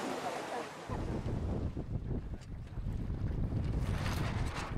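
Wind buffets the microphone over choppy water as waves slap against a boat hull, a steady outdoor rush on the Inselsee lake in Güstrow during the junior European sailing championship in the Pirat class; no voices.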